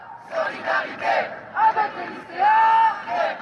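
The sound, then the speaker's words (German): A crowd of protesting students gathered in front of the Panthéon chants and shouts together in loud, rhythmic bursts, with raised voices swelling and falling over a steady murmur of the group. “Ein paar hundert Meter weiter haben sich Studierende vor dem Pantheon versammelt, dem republikanischen Tempel, in dem die Geistesgrößen und Helden der französischen Nationalgeschichte verehrt werden.”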